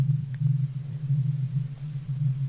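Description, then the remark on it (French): A deep, steady background rumble drones on without a break, day and night, in the middle of nowhere: a low continuous tone, almost imperceptible, that barely wavers in level from start to finish, heard far off with no voices or other sounds. “Au milieu de rien, rien ne faisait du bruit, et il y avait ce bruit de fond, très loin, très grave, continu, tout le temps, le jour, la nuit, presque imperceptible, mais là.”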